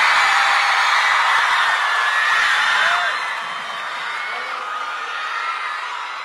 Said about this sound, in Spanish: Un aplauso